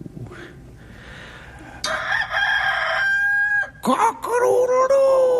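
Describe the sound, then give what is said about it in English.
A person loudly imitates a rooster crowing, two drawn-out cock-a-doodle-doo calls in a row, clear after a quiet, murmuring start. “Cock-a-doodle-doo!”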